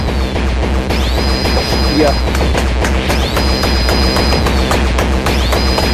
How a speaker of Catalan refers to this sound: Són sons d'error de Windows. Sí, sí, sí. Doncs això ve de Rotterdam, eh?